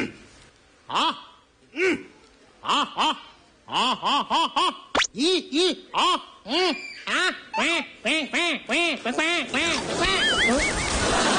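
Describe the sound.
A person warms up their voice before singing a song, with a string of nasal, quack-like vocal bursts, spaced apart at first, then coming faster and closer together, loud.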